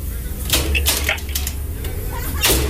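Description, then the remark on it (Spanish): Several sharp knocks on a door, uneven in timing, over a low steady hum with a faint voice in the background. “¿Quién toca la puerta?”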